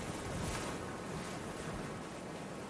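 A steady wash of surf fills the scene, a continuous broad roar of ocean water with faint wind, fairly soft, with no voices.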